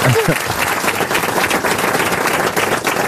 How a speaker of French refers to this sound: On applaudit Tramoni.